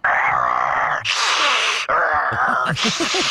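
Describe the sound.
A person voices a low, rasping growl that alternates with loud, harsh breathy exhales, continuous for a few seconds, imitating growling and heavy breathing noises heard from a crawl space.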